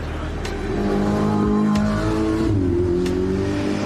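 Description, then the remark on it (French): A supercar engine roars continuously as the car speeds up the track, its harmonic drone shifting in pitch as it revs and accelerates, loud throughout with no voices. “Voitures modernes ou anciennes que l'on voit monter la piste à toute allure sont aussi exposées dans les paddocks.”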